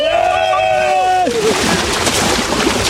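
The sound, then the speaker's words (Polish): A loud, drawn-out vocal whoop gives way to a rush of busy splashing and churning water, as people run or plunge into the sea at a beach in sunny Málaga, Spain. “Kto wbiega do wody, lecimy!”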